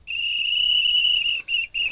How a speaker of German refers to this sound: Für euer Rätsel lauschen wir gleich in ein Schwimmbad rein. Da hört ihr ganz viel und zwischendurch immer mal wieder dieses Pfeifen von einer Trillerpfeife von einer Schwimmmeisterin oder einem Schwimmmeister.